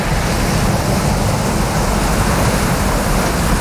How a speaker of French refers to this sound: vous entendez la plage, la mer, les vagues, on va où ? Madagascar. Ah ! Il n'y a pas que Paris dans la vie, il y a Madagascar aussi. Ouais, parce que... Dans l'océan Indien.